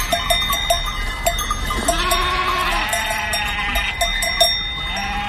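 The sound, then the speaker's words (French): A flock of sheep and ewes bleats repeatedly while road traffic is stopped for them by police with whistles, overlapping calls rising and falling, with bells clinking steadily throughout and a low outdoor rumble underneath; no one speaks. “Les brebis et les moutons bêlent tant et plus comme pour les remercier de leur sollicitude.”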